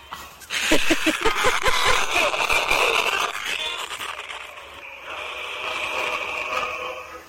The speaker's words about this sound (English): What are you listening to? That's static.